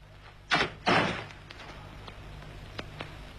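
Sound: door being opened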